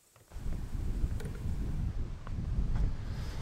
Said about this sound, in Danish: Ja, det blæser jo lidt herude ved Vesterhavet. Eller Skagerrak er det måske i virkeligheden, når vi er heroppe.